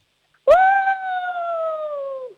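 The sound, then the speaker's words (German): A person imitates a wolf howl: one sustained, steady tone lasting nearly two seconds, starting abruptly and sliding slightly downward before fading out, fairly loud with no other sounds. “Dann hätte ich jetzt gerne, dass du mal heulst wie ein Wolf.”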